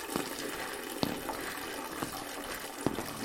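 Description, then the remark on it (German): A toilet cistern hisses steadily as it refills, a continuous rushing water sound with a few faint clicks or drips at irregular intervals, fairly quiet, with no voices. “Also ihre Spülung faucht dir, als würde das Ding gleich überkochen.”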